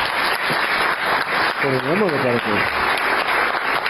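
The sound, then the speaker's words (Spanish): Steady, dense applause from a crowd fills the whole stretch, with a voice calling out briefly over the clapping partway through. “Un aplauso.”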